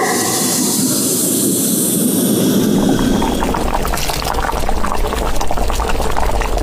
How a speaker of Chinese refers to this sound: 油半股自己熬的这个高汤，随后再加入我们刚才炒好的这个料，用这个小火熬底2分钟，把所有的料的味道全部熬到汤里，就要给它过滤一遍。